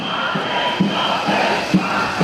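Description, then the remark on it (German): Thousands of health-care workers from across Germany chant together at a demonstration on the Platz der Menschenrechte in Hannover, a dense wall of many voices with rhythmic shouted accents rising above the steady roar. “Wagen stoppen, schallt es mitten in Hannover über den Platz der Menschenrechte.”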